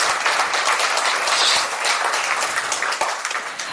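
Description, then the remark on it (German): Sustained audience applause for the artist who made the design and built the installation, a dense crackle of many hands clapping at steady loudness throughout, with no voices standing out above it. “Herzlichen Applaus nochmal für dich”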